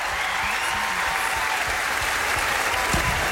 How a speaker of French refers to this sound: Et vous l'entendez, tout le public les applaudit, les félicite. Bon, c'est un mariage de radio.